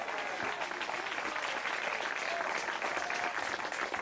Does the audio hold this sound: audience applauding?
yes